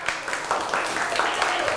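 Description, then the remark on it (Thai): A group of children claps steadily for the metal group in a dense, continuous patter of applause, with some voices chattering underneath throughout. “ปรบมือให้กลุ่มโลหะครับปรบมือให้กลุ่มโลหะก่อน”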